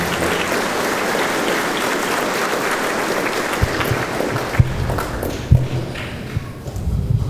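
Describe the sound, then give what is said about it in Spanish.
Loud, dense applause from a crowd for the mothers fills the first few seconds, then thins out into scattered claps and a few soft thuds as it dies away. “Un aplauso fuerte para las mamitas.”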